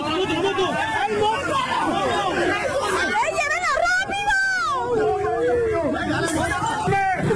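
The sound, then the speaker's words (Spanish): A chaotic street brawl after a person refused a police search and, with others, attacked the officers with gunshots and stones: many voices shout and yell over one another in a dense, continuous clamor, with rising and falling cries cutting through the loud babble throughout. “Así se escuchó el momento de la trifulca.”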